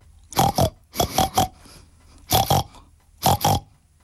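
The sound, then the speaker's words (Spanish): A voice mimics a pig, making four loud bursts of grunting oinks, each a quick double or triple snort, with short pauses between them and no other talk. “Un cerdo que solo hablaba cerdés. Y el cerdo, en cerdés, dijo así.”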